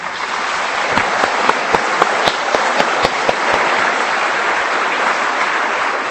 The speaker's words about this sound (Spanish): Por lo pronto les damos una bienvenida bien fuerte con un aplauso caluroso.